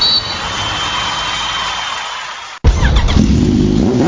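A motorcycle engine drones steadily, cuts out for a split second, then roars back louder and revs up, its pitch climbing. No voices, just the engine.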